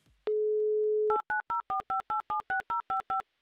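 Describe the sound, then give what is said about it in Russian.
A steady telephone dial tone hums for about a second, then a quick, even run of about a dozen touch-tone keypad beeps as a phone number is dialed, clear with no voices. “Номер телефона мы набрали. Ждем соединения.”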